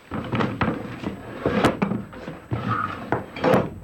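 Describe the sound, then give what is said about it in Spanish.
Drawers being pulled open and searched for clues, with repeated wooden thunks and knocks, shuffling and rattling of contents in between, fairly loud, no voices. “Nada comprometedor hay aquí. Buscaré en los cajones.”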